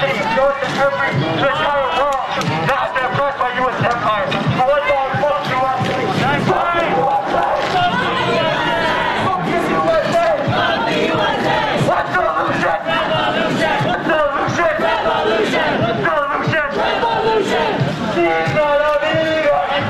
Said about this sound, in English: what is being told to this crowd, as well as what the crowd is shouting back. I do want to warn you, there is occasionally profanity here. We are taking this live